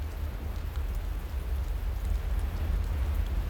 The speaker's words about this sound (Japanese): 強い南風が雨を吹きつけ、木立が絶えずざわめき立ち、雨しずくを散らす。